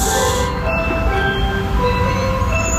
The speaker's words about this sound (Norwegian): På denne lyden, og for denne bilen, isbilen, skal legges på is, skal parkere sjappa si, for det ikke nok folk som kjøper is på isbilen lenger. Og dette jo lyden av, ikke bare isbilen, men lyden av alle de barna, som du da ikke hører akkurat her